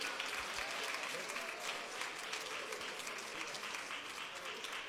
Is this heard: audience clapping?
yes